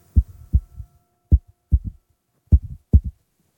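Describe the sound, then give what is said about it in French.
A heartbeat thumps in low, muffled lub-dub pairs, about five beats at a slightly uneven pace, fairly loud with nothing else around it. “Et même son cœur fait.”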